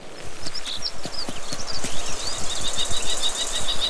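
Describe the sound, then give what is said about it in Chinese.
A kestrel gives a rapid string of sharp, high-pitched alarm calls at a golden eagle in the Alps, warning it and driving it away from its nest. The calls grow steadier toward the end, over a background of irregular low thuds and rustling. No one speaks. “红隼的叫声引起了许多动物的注意，金雕的偷袭计划因此落空，看它们纷纷提高警惕。”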